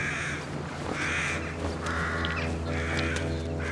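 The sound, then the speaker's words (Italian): Several crows caw in repeated harsh bursts, one after another in a steady rhythm, fairly loud over a constant low rumbling background, on the cliffs of Amorgos, Greece. “Solo corvi.”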